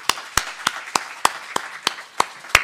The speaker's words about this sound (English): So please, let's give him a huge round of applause.